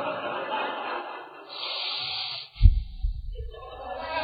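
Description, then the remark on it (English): Heavy, agitated, angry breathing through flared nostrils: a long hissing inhale, then a sharp, forceful snort through the nose, followed by rough, huffing breaths. “The nostrils flared. You can just hear that breathing.”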